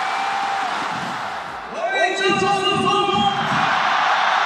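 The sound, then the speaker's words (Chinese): A crowd of football fans watching in the rain at Jiujiang Stadium, during Jiangxi's Gan Super League match in which Jiujiang beat Fuzhou 4-0, roars over a steady hiss, then breaks into a loud, sustained unison chant of drawn-out shouted notes lasting a couple of seconds before fading back into the din. “而在南方，江西的赣超进入第7轮激战，在7月4号的比赛中，九江队4-0大胜抚州队，雨中观赛的球迷呐喊声不断，热情点燃了整个九江体育场。”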